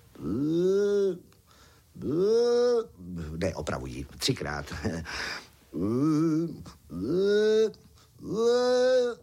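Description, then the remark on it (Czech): A person's voice imitates the trumpeting of a Dinotherium, an extinct elephant-like animal up to 3.5 metres tall: five drawn-out, wavering, nasal calls, two before and three after a short stretch of speech in the middle. The calls are loud and strongly tonal. “A přesně o půlnoci, tedy věřte nebo nevěřte, slon dvakrát táhle zatroubil. Takhle.”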